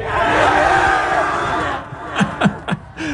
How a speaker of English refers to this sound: Which is why here at Bishop Kelly, they celebrate that milestone. That sweet, fleeting moment between a parent and a child and a couple hundred screaming seniors.